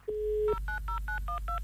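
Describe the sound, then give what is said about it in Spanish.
A dial-up modem dialing out: a short steady tone, then seven quick dual-pitched touch-tone beeps in an even, rapid rhythm, with no voices. “Oiga, ¿volvimos al módem?”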